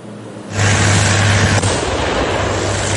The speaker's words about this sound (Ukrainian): Протитанкова міна здетонувала просто під час роботи броньованої машини, яка розчищає землю. Це техніка для гуманітарного розмінування. Її випробовують на полігоні, щоб перевірити можливості в реальних умовах.